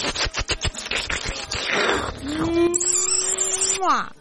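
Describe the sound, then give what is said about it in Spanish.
A run of quick clicks and rustles, then a person lets out a long, drawn-out cat yowl that holds steady and ends in a sharp downward swoop, loud. “Así como el gato, cual gato que eres”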